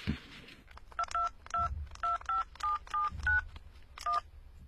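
A phone number for the Tianlai Nightclub is keyed in: about ten short, bright touch-tone beeps in a quick, fairly steady sequence, clear over a faint low rumble, with no one speaking.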